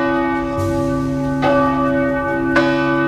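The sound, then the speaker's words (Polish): Church bells ring steadily with a rich, sustained hum of overtones, fresh strikes landing every second or so as the tones overlap and linger. No voices are heard. “parafianie rozpoczęli zbiórkę podpisów pod wnioskiem o to, aby nic nie zmieniać, bo dzwony odzywają się tylko dwa razy dziennie, w samopołudnie oraz po 16 i ich zdaniem uciążliwe nie są.”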